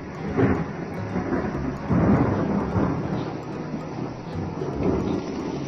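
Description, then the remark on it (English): A long, continuous rumble of thunder rolls through the whole recording, swelling in a few heavy surges against a steady low roar, with no voices present. “Thunder.”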